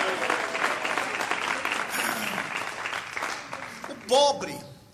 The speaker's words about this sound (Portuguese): Eu sei que está difícil vocês bater palmas. Esforce aí. Esforce, bate palma e dá glória a Deus.